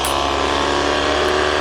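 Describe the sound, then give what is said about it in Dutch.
A racing car engine, recorded by a reporter, roars loud, holding a dense, steady buzzing drone with no clear rise or fall over the short stretch, and no voices on top. “Lijkt wel de motor van een lelijke eend.”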